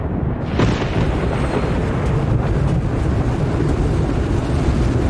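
Baseball-sized hailstones batter and smash into a car during a tornado in a loud, steady roar of wind-like noise, with one sharp heavy bang early on and scattered smaller impacts throughout. No one speaks.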